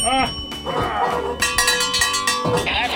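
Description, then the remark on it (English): A bell rings rapidly with a bright, sustained metallic tone and quick repeated strikes, heard over a busy, noisy background with some voices. “You guessed it right. Ring his bell.”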